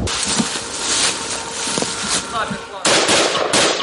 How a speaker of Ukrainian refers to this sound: Чітко за розкладом, за 5 хвилин до 3 почалися знову пуски кабів, тож зараз до такого досить щільного дзищання дронів у небі доєднуються ще й гахкання від того, як лягають керовані авіабомби. Ляп. Третій. Зараз четвертий підлітає. Четвертий.